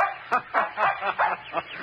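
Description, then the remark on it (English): A little terrier pup named Nick, out for a run in the woods of a park near the ocean in autumn, yaps in a quick, steady run of about six sharp, high-pitched barks, each short and fairly loud, with no voices alongside. “Alan Hunt had taken Nick, his little terrier pup, for a run in the woods.”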